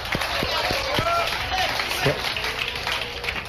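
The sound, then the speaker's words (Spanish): An audience applauds Jesus Christ steadily, a dense wash of clapping that holds throughout, with some voices and a few brief tonal sounds rising through it. “Denle aplauso a Jesucristo.”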